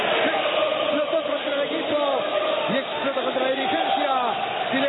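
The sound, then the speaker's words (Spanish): A packed crowd at El Cilindro stadium in Avellaneda roars after the final whistle of the Racing versus Banfield match, a loud, unbroken wall of cheering with shouted and chanted voices rising and falling throughout, and no separate speaker heard. “Y todo silencio. Escuchamos al cilindro.”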